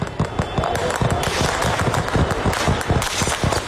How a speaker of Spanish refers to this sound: Lo siguiente fueron enfrentamientos en las calles, los carros de combate tomando las avenidas, el Parlamento atacado, disparos desde aviones que volaban a baja altura.